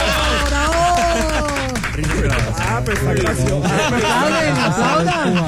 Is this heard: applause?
yes